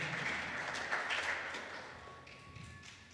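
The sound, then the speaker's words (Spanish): A crowd of parents applauds the Lord steadily for about three seconds, a dense wash of many hands clapping at once that thins slightly toward the end, with no voices over it. “¿Cuántos padres le dan un fuerte aplauso al Señor?”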